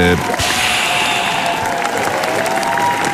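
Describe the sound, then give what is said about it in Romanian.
A burst of loud, dense clapping fills the whole stretch, a steady crackling wash of morning applause from a small group for their listeners, with a hint of voices mixed underneath. “Pe cine am aplaudat noi, în afară de ascultătorii noștri, în dimineața asta?”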